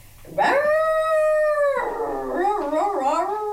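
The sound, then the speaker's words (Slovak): A werewolf howl on Detské rádio: one long, steady, rising cry that holds its pitch for over a second, then breaks into wavering, yodeling wails. Loud and alone, with no talking. “Vlkodlák, čo to je?”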